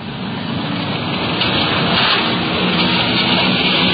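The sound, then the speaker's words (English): A police detective car's engine hums steadily along with a wash of road noise, continuous and fairly loud, like riding inside the moving vehicle at an even cruising speed while a strong wind whips the trees along the street, with no voices. “We're cruising in the area.”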